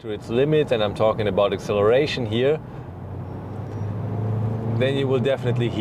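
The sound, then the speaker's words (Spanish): The engine of an H6 car drones low and steadily under hard acceleration, swelling louder for about two seconds between stretches of a man talking, then continuing beneath his voice as he resumes. “Lo único que hay que reconocer es que si decides llevar el coche al límite, y me refiero a la aceleración, sin duda lo irás.”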